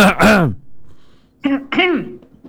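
A person coughs in two close pairs of short, throaty bursts, the first pair sharp and loud, the second slightly softer after a brief pause, heard nearby with no talking.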